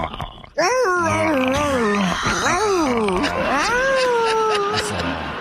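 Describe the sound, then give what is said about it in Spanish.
A person imitates a dog whimpering in pain: a fairly loud whine that wavers and slides up and down in pitch for several seconds, with no words. “antes te quiero morder el cuello y le haces así como perro, como que te duele, ¿ok?”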